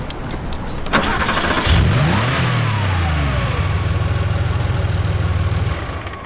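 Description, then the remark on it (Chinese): A sharp click, then a car engine cranks and catches with a quick rising rev before dropping back into a steady, low idle hum that continues to the end. The car is parked in an airline parking area. “车不错啊。”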